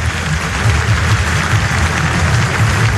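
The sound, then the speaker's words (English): A large stadium home crowd applauds an injured player going off, a dense, continuous wash of clapping that stays loud throughout with a low crowd rumble underneath. “Getting a huge round of applause by a very respectful home support.”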